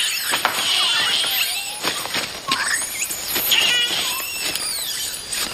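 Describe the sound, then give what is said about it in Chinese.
A noisy troop of bachelor male monkeys calling, with overlapping high-pitched squeals, chirps and sliding whoops packed densely together for several seconds, fairly loud and with no talking. “这群吵闹的猴子却不这么想。”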